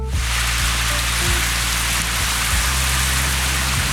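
Steady rain falls continuously, a dense even hiss of drops on a surface with a low rumbling undertone, moderately loud, with no voices.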